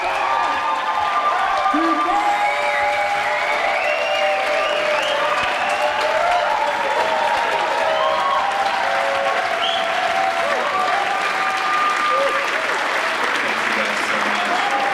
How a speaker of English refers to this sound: Welcomed in with applause, it's …!